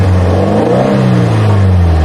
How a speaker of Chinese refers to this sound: 尤其是在夜深人静的地方，居民区周边的话，这种因为炸街车声音然后引起的扰民声，这种声音特别明显。